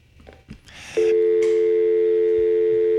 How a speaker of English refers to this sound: All right, I got a phone call.